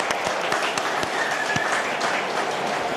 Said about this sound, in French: Allez, on applaudit quand même, parce qu'on est sportif, on est fair play.